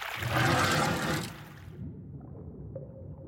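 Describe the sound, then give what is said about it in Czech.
Water released from the bottom of Pardoubek pond through the sluice gate in the dam gushes loudly in a broad, rushing surge for about a second and a half, then drops away to a low, steady murmur of flowing water. “No, budu muset ještě trochu popustit spodem, protože je voda moc nahoře a mohla by provalit hráz.”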